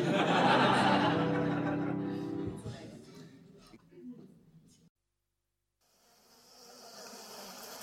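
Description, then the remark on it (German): A dense, loud buzzing of many honeybees at a hive entrance, fading after a few seconds into a brief silence before a soft, steady hiss. “Ich sehe nur die Bienen am Flugloch, stell die Kisten auf, schau mal rein.”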